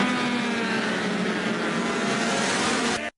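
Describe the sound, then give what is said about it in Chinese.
Racing motorcycles roar at high speed in a World Superbike Championship middleweight race at the Portugal round, including the Chinese ZXMOTO (Zhang Xue) factory team's No. 53 bike ridden by Valentin Debise; a loud, steady, high-pitched whine without a break, then cuts off abruptly. No one speaks. “世界超级摩托车锦标赛是一个检验量产车极致性能的舞台，这两个回合比赛冠军的含金量如何？”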